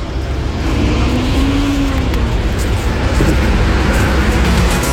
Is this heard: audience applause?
no